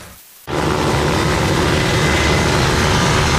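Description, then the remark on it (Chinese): After a brief hush, a loud, steady airplane roar bursts in and holds for the rest of the moment, broad like a plane passing low overhead, with no voices. “你别吹牛，老姜他们的飞机比优老二飞的要低，你得把这个算进去。”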